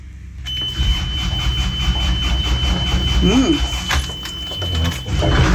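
A boat's diesel engine cranks and catches after a brief quiet moment, started with the throttle lever pushed forward in neutral and a short glow-plug preheat, then settles into a steady, loud idling rumble at about 1200 rpm while warming up, continuing to the end.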